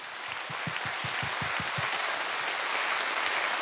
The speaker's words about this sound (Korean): 영남 국악의 미래를 짊어지고 갈 젊은 국악인들에게 여러분 다시 한번 뜨거운 박수 부탁드립니다.